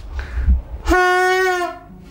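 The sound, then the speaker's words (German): A train signal horn being tested sounds one loud, steady blast lasting under a second, after a moment of low rumbling engine noise, then fades into the idling hum. “Fangen wir mal mit dem Signalhorn an.”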